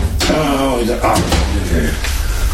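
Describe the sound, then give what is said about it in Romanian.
The heavy but not very large door of a safe holding documents is worked open: a sharp clunk, a drawn-out groaning creak, then a few more metallic knocks and a final thud, all fairly loud over a low steady hum. “Am actele aici, în casa de bani. O clipă. Și ușă grea, deși nu e prea mare.”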